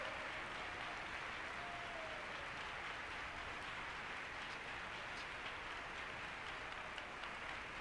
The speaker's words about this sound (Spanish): Démosle un aplauso al Señor. 30 segundos de aplausos. Bien fuerte. Bien fuerte ese aplauso.